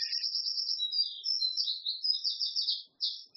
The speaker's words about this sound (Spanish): Mire, tenemos un pajarito aquí al lado que está bastante alto. Está haciendo competencia, quiere contarles algo.